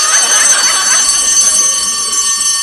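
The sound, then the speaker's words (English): A fire alarm bell rings continuously and loudly, a harsh, rapid metallic clanging that holds steady without pause, with no voices heard. “Now, here's the fire bell, right? It's a completely different sound.”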